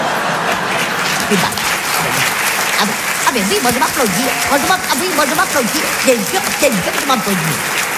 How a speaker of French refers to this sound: Ah, oui, moi je m'applaudis.